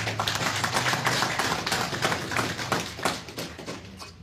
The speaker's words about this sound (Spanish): En ese sentido, adelante, congresista Luz Luque. Aplausos, vamos a recibirle con fuerte aplausos.